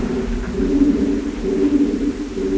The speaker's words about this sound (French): pigeons. Ils sont pas là où on est, ils sont vraiment dans l'autre partie de la grotte.